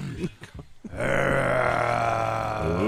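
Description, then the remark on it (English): A lion gives a few short, guttural grunts, then a loud, sustained roaring growl that rumbles on steadily for about two seconds, rich and raspy throughout. “Get back in your cage, you naughty lion.”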